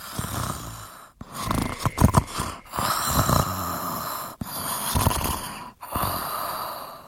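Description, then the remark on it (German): Steady breathing that swells into rough, rhythmic snoring, several long rasping breaths with short pauses between, fairly loud, with no talking. “Und bald hat man ein ruhiges Atmen in ein Schnurrtje aus dem Bad.”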